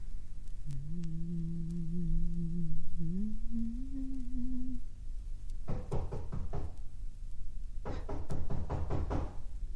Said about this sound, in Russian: Стучит кто-то! Откройте!